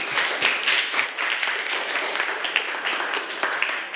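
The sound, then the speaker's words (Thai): A group of students applauding steadily for group 3 after its persuasive talk on wearing school uniform properly, with dense overlapping claps forming a continuous bright crackle at an even loudness throughout, and no one speaking. “อย่าลืมนะครับนักเรียนที่ดูดีเริ่มต้นจากการแต่งกายที่เรียบร้อยครับ ขอเสียงปรบมือให้กลุ่มที่3ด้วยค่ะ”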